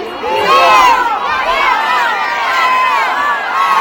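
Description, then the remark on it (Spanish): A large crowd in the Plaza Roja erupts in loud, sustained cheering and shouting, many voices overlapping in a continuous roar of celebration after a football goal, steady in intensity throughout. “Sí, hubo más unanimidad a la hora de gritar ahí todos juntos cuando ya los futbolistas en el terreno de juego se abrazaron.”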